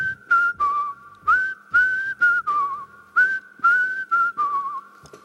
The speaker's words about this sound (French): Donc, on va voir si tu sais siffler maintenant, on s'endort. Ça nous donnera une petite idée. Alors, on va tenter.